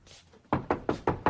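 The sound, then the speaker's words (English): Five quick, firm knocks on a wooden bedroom door from the landing, evenly spaced, following a brief faint rustle. No voices are heard. “strides across the landing and knocks on Ben's door”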